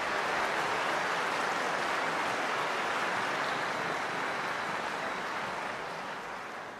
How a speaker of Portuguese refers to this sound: Então, muito obrigado, uma salva de palmas à Drogaria Araújo, muito obrigado.